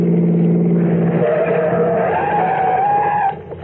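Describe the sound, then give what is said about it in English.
A car engine roars, then tires let out a long rising screech as the car skids and brakes to an abrupt stop early in the morning, leaving a brief quiet rumble. “Stop the car, quick, okay?”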